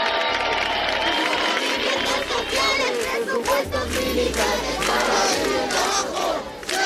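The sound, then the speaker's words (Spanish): A large protest crowd of hundreds camping in Madrid's Puerta del Sol chants slogans in unison demanding a decree, loud and sustained, with rhythmic bursts of many shouting voices and scattered yells running continuously for several seconds. “Bueno, ya todas estas consignas suenan bastante, ¿no?”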